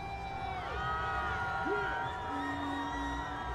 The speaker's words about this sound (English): The crowd erupts as members of the team start going by on floats.